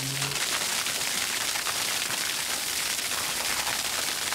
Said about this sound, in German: Seit 16 Jahren wieder Wasser aus dem Wasserkran Steinbach.